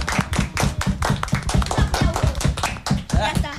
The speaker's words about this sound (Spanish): Sí, ganaron el campeonato nacional aquí en Calama, se organizó en Calama y ellas lo ganaron. Así que un aplauso para las niñas de patinaje.